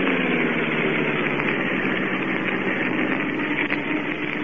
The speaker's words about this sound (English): We'll swing off the road and drive toward the shore. Then the fun will begin.